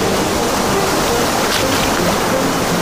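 Ocean waves wash in a loud, steady rush of surf close by, a continuous roar of churning water without distinct individual breaks and with no voices.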